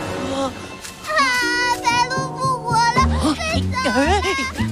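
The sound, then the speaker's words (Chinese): A young child cries in high, wavering wails that rise and fall, with steady background music underneath throughout. “乖乖，不哭了啊！”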